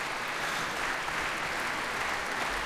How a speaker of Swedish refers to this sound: Applåder alltså för Västerås Sinfonietta, Musica Vitae och radiokören. Dessutom med organist ikväll.